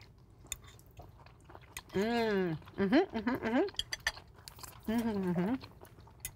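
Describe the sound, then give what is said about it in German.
Someone eats a spicy pan dish with cheese using cutlery: light clinks and chewing sounds, broken by a few drawn-out, appreciative hums from a voice. “So, guten Appetit, vielen Dank fürs Kredenzen und vielen Kochen.”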